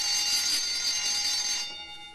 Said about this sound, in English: Boys, never mind the bell. You won't be going to your first class.